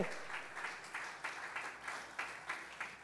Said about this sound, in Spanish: Si le va a aplaudir, apláudale fuerte. Si le va a aplaudir, apláudale fuerte.